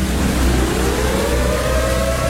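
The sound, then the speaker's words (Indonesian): A warning siren wails after a dam has burst, its tone sweeping steadily upward over a heavy, constant low rumble, loud and continuous throughout with no voices present. “Itu sirine toh. Bapak dengar sendiri tuh.”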